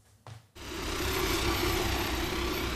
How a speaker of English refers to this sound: So that is one of the firefighting planes that is engaged in this battle against what has been described as Belgium's biggest ever wildfire. We're just a few minutes' drive from the German border.